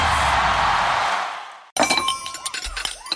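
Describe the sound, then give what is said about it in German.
A loud, noisy crash rushes for over a second, then after a brief gap plates and cups clatter, clink and smash together, with bright ringing tones and no voices. “Menschenskinder, scheppert doch nicht so mit den Tellern und den Tassen, ihr Lieben.”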